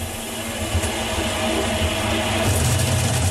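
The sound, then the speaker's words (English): A loud, steady mechanical drone from a running new clothes dryer, with a deep rumbling low end that swells and grows rougher toward the end. No one speaks. “Whoa, what was that? No idea. The dryer just making a move?”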